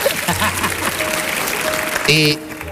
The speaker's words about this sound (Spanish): Bien, eso ahí se merece un aplauso desde el final, ahí. Eso es lo que estaba buscando.